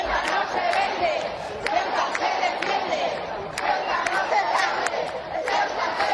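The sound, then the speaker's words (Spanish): A large crowd shouts and cheers in welcome as King Felipe VI and Queen Letizia arrive in the autonomous city of Ceuta, Spain: a dense, steady roar of many voices with scattered sharp cries and whistles rising above it throughout. “Pues con gritos como estos han llegado los reyes, el rey Felipe VI y la reina doña Leticia, a la ciudad autónoma de Ceuta.”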